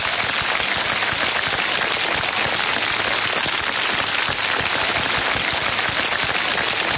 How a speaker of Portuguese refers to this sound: Aí, ó, os aplausos pros aniversariantes, viu?